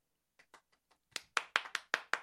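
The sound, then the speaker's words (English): A lone person claps about a dozen times in a loose, steady rhythm, starting with a few soft pats and then settling into sharper, louder claps. There is no talking. “You know I don't like to be the only person clapping.”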